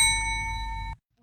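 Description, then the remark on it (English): A single bright bell chime, the cue to repeat a sentence in a language practice exercise, rings out clearly and holds steady for about a second before cutting off abruptly, with a low background hum beneath it and no talking. “Listen to each sentence and then repeat it after the bell.”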